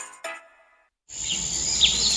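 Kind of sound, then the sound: nature, forest ambience with birdsong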